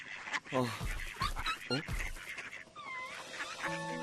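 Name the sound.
duck quacking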